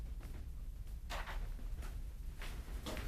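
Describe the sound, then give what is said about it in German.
A door is being closed, with a few soft scraping, rustling bursts spaced over a few seconds against a low background rumble. No one speaks. “Mach die Tür zu.”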